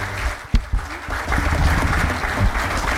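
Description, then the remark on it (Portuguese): A concert audience breaks into sustained applause, dense clapping at a steady level, with a couple of sharper thumps early on and no voices standing out, at a singer's concert at the Festival Caixa Alfama. “Um aplauso para a Mariana.”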